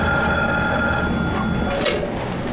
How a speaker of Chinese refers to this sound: 你快接电话吧，也不知道是谁，都响了好几次了。